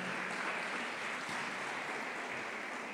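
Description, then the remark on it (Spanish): Sustained applause from a large audience, given to God as the Heavenly King, a dense, steady wash of many hands clapping at once with no pauses, filling the whole space with no voices audible. “A ver, no los escucho, le damos ese fuerte aplauso a nuestro Rey Celestial.”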